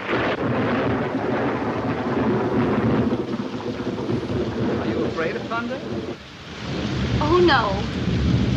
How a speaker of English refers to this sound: Are you afraid of thunder? Just the noise. That's from actually Top Hat,